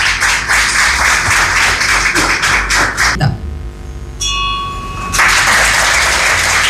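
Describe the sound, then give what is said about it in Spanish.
An audience at a Rotary Club Luque ceremony claps loudly in a dense, sustained burst of applause that dips briefly midway, with a thin high ringing tone, then swells back to full strength. “Acompañamos este momento con un fuerte aplauso, por favor.”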